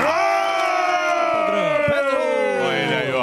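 An audience claps and cheers loudly for a few seconds, with a steady wall of shouting and whooping voices that rises and falls without a break.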